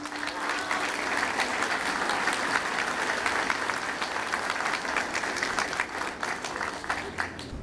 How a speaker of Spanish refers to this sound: que nos honran con su presencia y a la cual les pido un fuerte aplauso también.